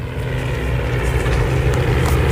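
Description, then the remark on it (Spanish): A Spanish Civil War-era propeller airplane engine drones steadily and loudly during a battle reenactment at Villanueva del Pardillo, Spain: a deep rumbling hum with a buzzing edge that holds constant throughout, with no voices. “Escuchen el motor.”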